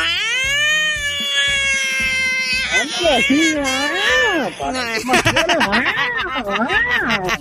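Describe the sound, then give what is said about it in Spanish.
A person imitates a cat in heat, sustaining long, wavering yowls that rise and fall in pitch like a wailing baby, loud throughout, with a steady low background beat. “Los gatos en celo suenan como bebés.”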